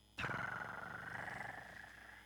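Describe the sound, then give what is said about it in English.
A pet cat purrs steadily, a continuous rumbling vibration with a slight pulsing rhythm that starts abruptly and holds for a couple of seconds with no talking. “Oigo a mi gato ronronear.”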